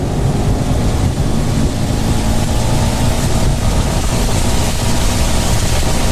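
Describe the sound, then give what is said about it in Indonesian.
A vehicle's engine roars steadily at speed beneath a constant wash of hissing rain and road noise, loud and unbroken for the whole stretch with no voices. “Duh, hujan nih. Aku ngebut ya.”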